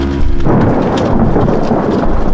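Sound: thunder rumbling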